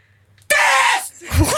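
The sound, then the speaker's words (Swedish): A person in an arena, taking a turn in a contest of who can scream the loudest, lets out a sudden, piercing scream at full volume, lasting about half a second after a moment of quiet, then trailing into a brief lower vocal sound. “Och så där lät det när jag skrek.”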